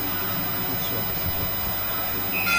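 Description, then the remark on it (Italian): A long, steady buzzer-like horn blares over crowd noise, growing louder toward the end as a brighter tone kicks in. Voices murmur underneath. It is the game siren signalling the start of the second half of the match between Libertas Livorno and Lumos Pistoia. “Ecco che fischia la sirena e siamo pronti.”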